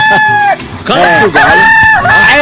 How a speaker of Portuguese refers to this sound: quero ouvir o canto do galo. O canto do galo!